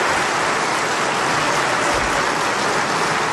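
The AK Parti group in the parliament's general assembly hall stands up again and applauds Erdoğan, a dense, even wash of clapping that holds at a constant loud level for the whole few seconds with no voices.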